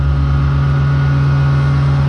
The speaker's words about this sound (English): That's some of the noise that has been greeting people on Holloway Road as Wellington Water wades into up to 22 nights of wastewater pipe work this month. Residents have been told the noisiest tasks are to be finished ahead of 11 o'clock each night.